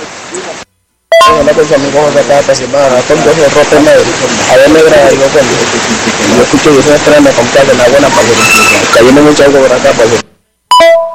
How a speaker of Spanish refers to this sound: se escucha por allá en el fondo que está lloviendo fuerte, que está lloviendo bastante. Bueno, al parecer es por todos lados